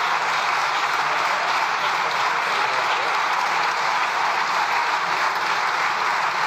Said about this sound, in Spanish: presidenta de las Cortes, Francina Armengol, ha impedido a Alberto Núñez Feijóo agotar sus 2 segundos de tiempo que le quedaban para la réplica después de que el presidente fuera arropado por los suyos con un sonoro aplauso de 1 minuto de duración.